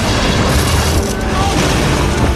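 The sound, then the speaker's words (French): A loud bomb explosion, the bomb planted by Colonel Stauffenberg to kill Hitler, going off at 12:42 a little over a metre from Hitler and causing considerable damage, with a deep, rumbling roar that stays dense and steady for a couple of seconds, heavy in the low end with a rough, crackling wash on top. “Lorsqu'à 12h42, la bombe a explosé, les dégâts ont été considérables.”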